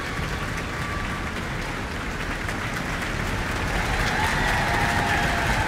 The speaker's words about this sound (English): taking a bow and receiving applause from her colleagues in the orchestra.